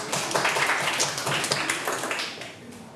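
A group of students claps together for a classmate from group 3 coming out to present during a lesson with their teacher, a dense, steady patter of many hands lasting the whole moment before gradually thinning out at the end.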